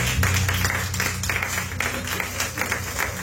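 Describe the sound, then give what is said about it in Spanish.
A church audience claps their hands for the Lord in a dense, continuous wash of applause that stays fairly steady in loudness, with a low sustained hum running underneath. “Ay, no, bueno, de palmas al Señor.”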